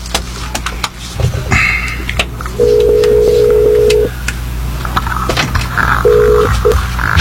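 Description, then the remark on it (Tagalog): An intercom call to a doctor being dialed: a phone line tone sounds in two steady beeps, a long one followed by a shorter one, with quick clicks of button presses and light background noise around them. “hold on ha, kay tago na ko sa intercom si Doc.”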